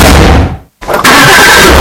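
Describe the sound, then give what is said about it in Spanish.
A loud car engine starts up and roars, with a brief moment of near silence in the middle before the rumbling engine noise returns at full strength. “Es el sonido de tu próximo coche.”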